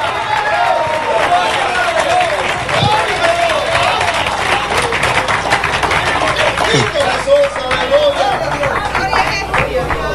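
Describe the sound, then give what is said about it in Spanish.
Thin, scattered clapping from a small audience, steady and moderately loud for about ten seconds, mixed with crowd murmur and voices calling out. “Qué poquitos aplauden.”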